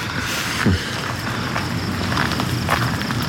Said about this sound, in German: Hier lang. Nach der ganzen Aufregung tut es gut, ein paar Schritte zu gehen. Das ist wahr.